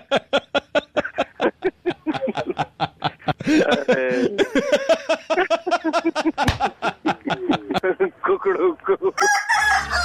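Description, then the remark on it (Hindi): A loud rooster crow on Radio Mirchi's Mirchi Murga prank-call segment rises and wavers for a few seconds, framed by rapid rhythmic clucking or cackling pulses before and after, with a brief burst of music at the end. “क्या बोलो? कुकड़ुकू।”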